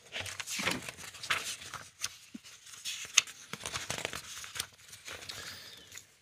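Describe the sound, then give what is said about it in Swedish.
Pages of a quiz question binder are flipped through, rustling in a steady run of papery swishes and crinkles, with a few sharper snaps along the way. It's quiet, with no talking. “Jag bläddrar fram den så ser vi vad vi hittar där.”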